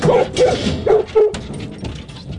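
A dog lets out four short, high-pitched yelps and whimpers in quick succession, then quieter fussing over a faint noisy background.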